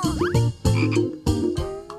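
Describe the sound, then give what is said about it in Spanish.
A frog croaks repeatedly in loud, raspy bursts, roughly three or four harsh calls in quick succession with brief gaps between them. “Es el de una rana.”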